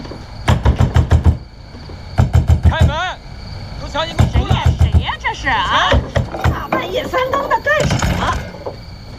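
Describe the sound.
Loud pounding on a door late at night in rapid bursts of several blows each, repeated throughout, while a voice shouts urgently for the door to be opened between and over the knocks.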